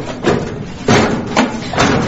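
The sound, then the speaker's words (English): A heavy hangar door grinds along with a steady low rumble, broken by four loud metallic clanks spaced irregularly over about two seconds. “Quickly, that's the hangar door.”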